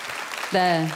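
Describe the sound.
An audience claps in a steady, dense patter for about half a second, applauding a singer on a radio show, then a voice starts speaking over the fading applause.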